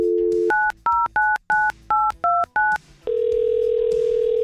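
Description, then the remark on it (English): At radio station 100.7 The Wolf, a dial tone gives way to seven quick touch-tone beeps as a phone number is dialed to call a contest winner, each a short two-pitched chirp, followed by a steady ringback tone. “Let's call up a winner.”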